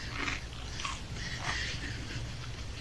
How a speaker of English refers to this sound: There's a strange fella sitting on the sofa, munchy munching lumpticks of toast.